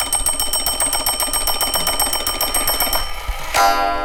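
A farmhouse pendulum clock's bell rings in a fast, steady rattle for about three seconds, then a single loud, resonant strike of the hour rings out near the end and lingers. No one speaks.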